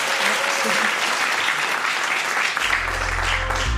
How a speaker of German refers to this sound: Großen Applaus für Sie.